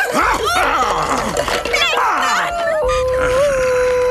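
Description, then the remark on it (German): A small dog yaps and barks in quick, high-pitched bursts, the yips tumbling over one another before giving way to a drawn-out whining note. “Und nun zu dir, du kläffende Bestie!”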